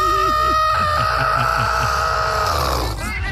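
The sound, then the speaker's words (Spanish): A person makes a loud, strained, squawking squeal imitating a chicken being strangled, held for about three seconds before breaking off, with soft choppy noises beneath it. “Le haces hiur. Entonces le hago yo hiur. Como cuando le agarran el pescuezo a la gallina.”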